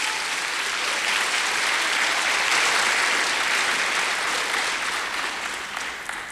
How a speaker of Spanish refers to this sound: Aleluya, dale un aplauso al Señor, aleluya.